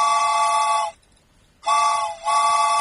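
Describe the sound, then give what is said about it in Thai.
A train whistle sounds in loud, steady, shrill blasts: a long blast, a short silence, then another that briefly dips before sounding again. No voices. “ชั่วโมงนี้เช่นเคยเลยเดี๋ยวจะเรียกคุณผู้ฟังขึ้นรถไฟกันแล้วนะคะรถไฟมาค่ะ”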